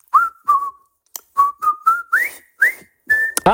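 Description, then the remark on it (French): A person whistles a short, bouncy march tune, the music from the film The Bridge on the River Kwai, about nine clear notes in a steady rhythm with a few upward slides, loud and alone with no talking. “Je vais vous siffler un air et vous allez devoir deviner le thème de ma musique.”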